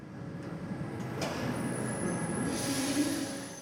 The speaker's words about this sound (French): Alors là, nous sommes dans le métro, direction la station La Villette.